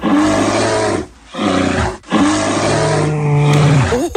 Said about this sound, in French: J'ai peur. Attention, hein, on a bien reconnu l'ours. Oui, on a bien reconnu l'ours. Allez, c'est un ours qui débute pour ce premier indice pour trouver cette autre commune iséroise.